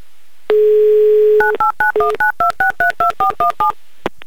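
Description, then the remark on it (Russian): A steady dial tone hums for about a second, then a quick, even run of about eleven two-pitched keypad beeps as a number is dialed, ending with a soft click. “Да, звоним Дмитрию, делаем это прямо сейчас.”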